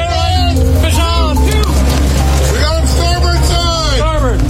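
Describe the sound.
The engine of a 43-foot charter boat in Washington State drones steadily at a low pitch throughout, loud, with wavering high calls and voice-like sounds rising and falling over the rumble.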